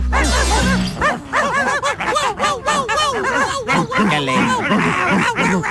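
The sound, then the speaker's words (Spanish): Several pet dogs bark and yip nearly nonstop, loud, their overlapping barks forming a busy, chaotic racket with a sharp clatter at the very start. “se portaron mis perritos”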